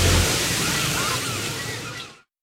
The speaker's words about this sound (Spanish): No son bocinas de autos. Son gaviotas a lo lejos. No, no es la hora del tráfico. Solo es una ola tras otra.